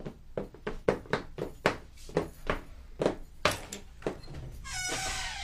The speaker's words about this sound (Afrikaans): Iemand klop aan my Barbara Mansion se deur. Wie kan dit dan nou wees?